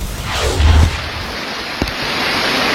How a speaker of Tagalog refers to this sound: Mabilis ang paglaki ng tubig sa Lumintao River sa Kalintaan, Occidental Mindoro, kasabay ng malakas na buhos ng ulan.